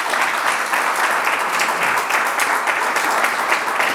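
A support group meeting about an illness applauds a member, a dense, even wash of many hands clapping at once, loud and sustained without pause and with no voices.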